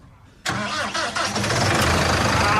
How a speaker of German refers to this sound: Hier sind wirklich Megamaschinen, die fettesten Traktoren. Das sieht wirklich sehr, sehr eindrucksvoll aus. Und wir wollen es auch erstmal hören. So klingt so eine fette Maschine.